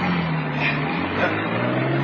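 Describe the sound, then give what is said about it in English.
A car engine rumbles steadily, a dense, fairly loud whoosh of motor and road noise holding level for a couple of seconds as the vehicle drives off. “Now drive. Get those wheels moving.”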